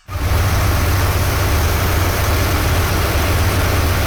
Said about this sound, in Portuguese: Eita, esse motor que fica. Aí não dá pra mandar áudio mesmo, não. Olha que motorzão. Ah, isso aí que mantém o bicho do garimpo funcionando.